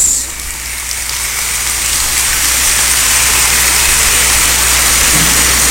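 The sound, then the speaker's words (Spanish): An audience applauds steadily for several seconds at a municipal event in Río Verde, San Luis Potosí, a dense, even wash of clapping with no voices, set against a low background hum. “Un aplauso para todos ustedes.”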